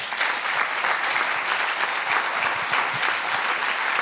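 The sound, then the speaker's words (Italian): Steady, dense applause from a festival audience for the festival's artistic director, Luca Crovi, many hands clapping together in a continuous loud wash with no pauses or voices over it. “Ora siamo davvero alla fine e vi chiedo un applauso grandissimo per la mente e per il direttore artistico di questo festival, Luca Crovi.”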